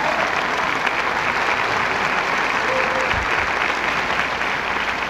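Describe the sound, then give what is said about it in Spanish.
Dense, steady applause from a large audience for a band fills the whole stretch, a continuous wash of many hands clapping at even loudness with no clear break or voices rising above it. “Un aplauso, por favor, enorme para todos ellos.”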